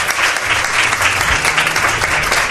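Audience applause fills the whole stretch, a dense steady patter of many hands clapping at a loud, even level, with faint low murmurs underneath.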